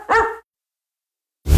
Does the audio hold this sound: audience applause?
no